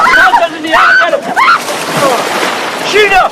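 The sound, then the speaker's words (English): One person is flung into the water and another dives in amid a burst of churning, sloshing noise, with excited voices shouting and laughing loudly over it. “Ferris playfully shoves Cameron, then flings Sloan into the water before diving in.”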